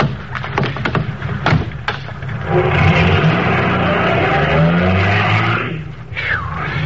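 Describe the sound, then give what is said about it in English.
A few sharp thumps, like doors shutting, then a car engine revs up and pulls away, its steady roar swelling and holding before fading slightly, with a brief rising whine near the end. “Now you take the wheel, Doc.”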